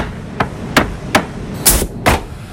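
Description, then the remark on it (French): Five sharp, loud hammer blows strike poplar wood planks in a workshop in a steady, fairly even rhythm, over a low workshop rumble with no one speaking. “Pour ça, de longues palettes en bois de peuplier sont livrées dans l'atelier. Elles sont ensuite coupées, puis assemblées pour former la planche finale.”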